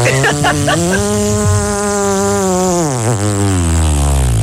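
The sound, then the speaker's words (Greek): A voice imitates a motorbike engine with a steady, buzzing drone. It opens with a few sputtering pulses, then holds a continuous hum whose pitch dips and rises like revving, staying loud throughout. “Και η μηχανή πώς έκανε.”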